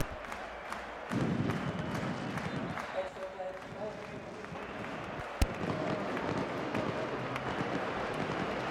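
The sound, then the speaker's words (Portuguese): A dense, steady stadium crowd roar at a Casa Pia match, with supporter groups chanting 'Casa Pia' throughout and the Casa Pia music, dotted with scattered pops and one sharp firework bang about two-thirds of the way in. “Fogo de artifício, os gritos das claques, a música do Casa Pia.”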